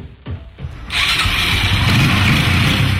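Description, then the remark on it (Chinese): A motorcycle engine cranks over briefly, then catches near one second and settles into a loud, steady rumbling idle, with no voices, in a small county town. “好啊好啊，你等我一会儿啊，我拿个摩托车钥匙。”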